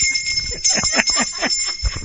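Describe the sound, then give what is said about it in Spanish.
A bright bell rings steadily, its high metallic tone held throughout, while a voice talks underneath. “Rosalía con $40, la campana, hermanito.”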